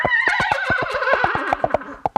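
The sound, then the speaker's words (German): A trumpet imitates a horse's whinny, a bright wavering tone sliding downward, over a steady rhythmic clip-clop beat of coconut shells imitating hooves, loud, ending in a few sharp isolated knocks. “Wer jetzt noch einen Trompeter im Bekanntenkreis hat, kann das Pferd dazu noch wiehern lassen.”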